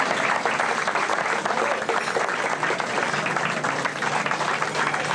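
Steady, dense applause from a crowd, many hands clapping at once in a continuous loud wash that holds even throughout, with no voices standing out.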